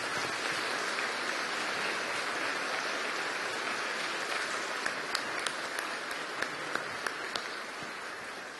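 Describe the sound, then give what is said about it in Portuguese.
An audience applauding steadily to thank the Monsignor, a dense wash of many hands clapping throughout, with a few sharper individual claps standing out toward the end. No voices are heard. “Com a alegria do nosso coração, agradecemos ao Monsenhor uma vez mais com as nossas palmas.”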